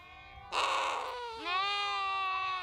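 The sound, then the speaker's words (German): Sheep and lambs bleat in a stable on a family livestock farm in Ineletz, where the lambs are brought to drink: a loud, rough cry followed by a longer, wavering bleat, with no talking. “Hier ist der Stall, zu dem ich gerade hingehe, um die Lämmer trinken zu lassen. Dann trenne ich sie wieder und bringe die Schafe auf die Weide.”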